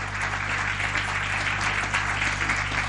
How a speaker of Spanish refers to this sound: ¿Cuánto le dan un aplauso grande al Señor? y a su palabra.